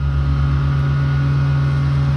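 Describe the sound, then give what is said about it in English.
A steady, loud mechanical drone of heavy night-time roadworks machinery replacing nearly 100-year-old wastewater pipes for Wellington Water on Holloway Road, with a deep engine rumble and a sustained low hum, unbroken for the whole clip and with no voices. “That's some of the noise that has been greeting people on Holloway Road as Wellington Water wades into up to 22 nights of wastewater pipe work this month.”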